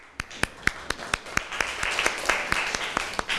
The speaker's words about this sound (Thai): ขอบคุณค่ะปรบมือให้เพื่อนหน่อยค่ะ